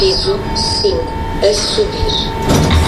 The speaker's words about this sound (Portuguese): Piso 5, a subir. Portas a abrir.